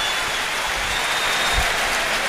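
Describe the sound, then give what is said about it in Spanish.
The crowd at the Estadio de Gran Canaria gives a sustained ovation for 16-year-old Rafa Cruz coming on for his debut with UD Las Palmas, dense applause and cheering blending into a steady, loud roar without any break. “Ovación para el chaval, ovación con también para Jesse.”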